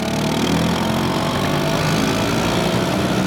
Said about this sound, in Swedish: Det är den italienska mopeden Vespa som skapades 1946 av den tidigare flygplanstillverkaren Piaggio. För att uppmärksamma 80-åringen samlades idag tiotusentals Vespa-ägare från hela världen i Rom för en parad genom staden.